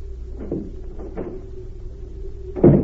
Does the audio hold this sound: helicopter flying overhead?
no